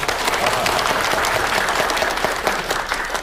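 Steady audience applause at a Qingshanyu village meeting to elect a new Party branch secretary, as the two candidates are invited to speak, a dense wash of many hands clapping at an even, fairly loud level with no voices standing out.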